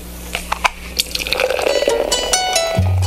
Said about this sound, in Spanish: Primero sirvamos algo con hielito, ¿vale? Ay, qué rico. Eso como lo sirvo de bueno.